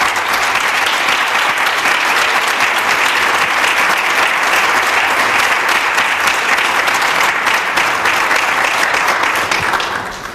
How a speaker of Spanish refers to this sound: Así que recibamos con el caluroso aplauso que merece a don Francisco José Galante Gómez.